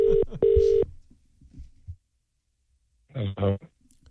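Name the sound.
telephone dialing and ringing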